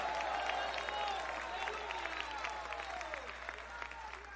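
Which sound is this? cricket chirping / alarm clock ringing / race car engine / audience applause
audience applause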